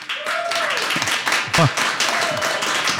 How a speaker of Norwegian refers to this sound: og ikke minst publikum, altså våre lyttere som har deltatt på Abelstårns lag, så jeg synes at dere fortjener også en applaus.